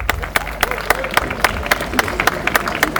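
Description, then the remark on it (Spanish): An audience applauds for Pablo Pedroso, the current director of transit, with scattered, sharp claps at an uneven pace, moderately loud over a steady low hum and a faint crowd murmur. “El querido Pablo Pedroso, mi querido Pablo Parate, un fuerte aplauso para Pablito.”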